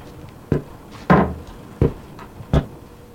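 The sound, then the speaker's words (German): A door at the back opens and shuts with a series of four solid wooden clunks and knocks, spaced unevenly, with no one speaking. “Einfach durch die Tür da hinten.”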